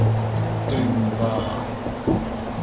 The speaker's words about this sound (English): I'll tell you what, them winds out there remind me of a storm raised by the mermaid of Padstow.